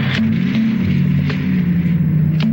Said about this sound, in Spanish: Lino y su grupo suben al carro. El carro retrocede y se retira. La camioneta de Lauro lo sigue.